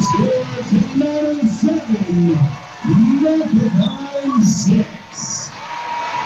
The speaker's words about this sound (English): And that's the ball game. Tenino wins it by a final at 7-6. Listen to this crowd.